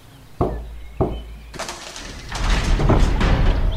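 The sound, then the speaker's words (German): Two heavy, hollow knocks on the large gate of a wizard's castle, about half a second apart, followed by a swelling, noisy rumble and scrape that grows louder and continues to the end; the gate suddenly opens when touched. “Ich klopf einfach mal an.”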